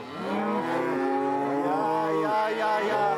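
Several cows moo at once, long overlapping low calls with rich harmonics forming a steady, loud chorus that rises and falls in pitch for the whole few seconds, as cows and their calves born in the barn are brought out to pasture in spring.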